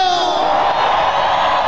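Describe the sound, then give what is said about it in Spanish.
A loud crowd in the Zócalo of Mexico City shouting and yelling together in a sustained, dense roar of many voices, continuous for the whole short stretch with no pause. “Ese grito a la gente, que la gente que viene desde abajo, ese grito.”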